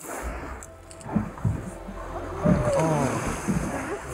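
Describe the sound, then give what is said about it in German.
An inflatable boat carrying a few people moves across open sea water in the polar night in the far north, with low engine rumble, wind buffeting and splashing waves; faint voices surface briefly. “Im Schlauchboot wagt sich die Hessin aus Treis-Horloff mit ein paar anderen Menschen aufs Wasser.”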